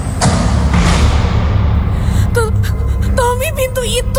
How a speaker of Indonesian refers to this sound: Tiba-tiba, pintu tertutup dengan sangat keras.